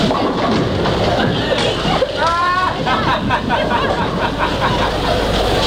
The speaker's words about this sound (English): 3 a.m. An all-night bowling alley near London Airport, and a queue of people waiting their turn to play. People making a night of it after a party. People waiting for planes, regulars, passers-by.